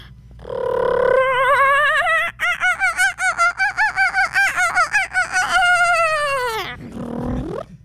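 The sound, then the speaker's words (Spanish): A person's voice imitates the laughing call of a kookaburra, an Australian bird, rising into a rapid, loud, bubbling run of cackling notes that swells and then trails off, with no other talk. “Sinceramente, lo que les encantó fue mi imitación al cucaburra y otras aves más.”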